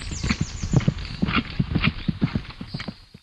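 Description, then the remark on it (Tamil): Hooves of the Ayodhya king's Ashvamedha sacrificial horse clip-clop in a brisk, steady rhythm, fairly loud, with a short high whinny near the start before the hoofbeats fade out at the end. “என்ன இது, குதிரை அரச மரத்தில் அல்லவா கட்டப்பட்டுள்ளது?”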